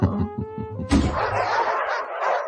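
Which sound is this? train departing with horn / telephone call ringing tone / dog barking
dog barking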